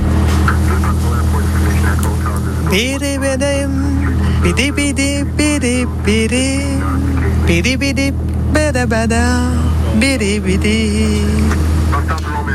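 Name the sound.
airplane engine in flight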